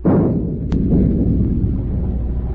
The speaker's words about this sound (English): Stand by to open fire. Aye, aye, sir. Forward gun loaded. Fire a shot across her bow.